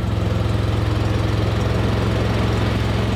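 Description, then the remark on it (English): The engine of a small, boxy white Fiat with a ladder strapped to the roof, running on ethanol in Brazil, runs steadily, a loud low rumble with a rapid, even pulsing throb that holds constant throughout, with no voices. “He's driving a small, boxy white Fiat with a ladder strapped to the roof.”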